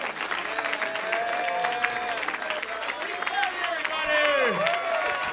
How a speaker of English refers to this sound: How about a big round of applause for Godfrey? Give Godfrey a big round of applause. Now let him hear it.